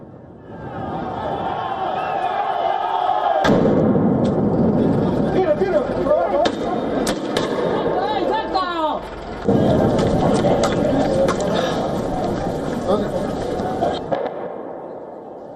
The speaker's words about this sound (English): Explosions echo through the street of La Paz as Bolivian miners engaged in a fiery clash with the police.